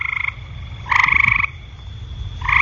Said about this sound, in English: The mating call of a horned toad.